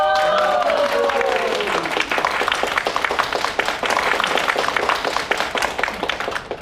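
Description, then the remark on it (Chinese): A crowd breaks into warm, steady applause, many hands clapping loud for several seconds, welcoming the male lead onto the stage at a party celebrating his exam success, with a brief rising-and-falling voiced cheer at the very start. “让我们以热烈的掌声欢迎集智慧和颜值于一身的男主角闪亮登场。”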